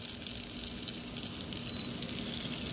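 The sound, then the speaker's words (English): Hot spiced oil with lemon sizzles steadily as it is poured over feta cheese, a dense, hissing crackle that holds level for a few seconds, with no voices. “So I'm taking this and I'm just pouring it over the feta.”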